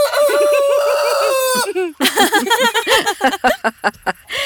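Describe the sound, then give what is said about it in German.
At a henhouse, a rooster with long, colourful tail feathers crows in one long, drawn-out call, then several chickens break into busy, overlapping clucking, fairly loud, with no talking. “Ich scheuche erst mal die Hühner nach draußen.”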